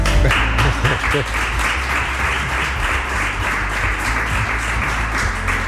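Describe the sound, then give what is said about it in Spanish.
A crowd at San Millán applauds steadily for several seconds, a dense, sustained wash of clapping that stays fairly loud throughout, with faint voices and low murmurs mixed underneath. “hay que darle también un aplauso”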